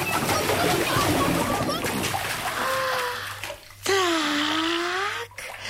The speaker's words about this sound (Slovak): Ponorím do vody aj brucho a blchy mi prelezú na šiju. A keď si namočím šiju, blchy sa preškrabú do vlny, ktorú držím v papuli a...